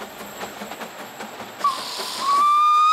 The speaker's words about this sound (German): Doch anlässlich des Geburtstages ist die dampfbetriebene Feldbahnlok unterwegs, die auf den Namen Lieserli hört und alle Blicke auf sich zieht.